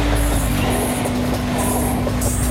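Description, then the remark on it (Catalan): A train on the Qinghai–Tibet railway rolls steadily along its tracks with a constant loud rumble, a low mechanical hum and intermittent high hissing on top, with no voices. “Al sostre del món, allà on l'aire s'aprima i les muntanyes semblen tocar el cel, hi ha una via fèrria que avança entre glaç, roca i silenci. És el ferrocarril Qin Jai Tibet.”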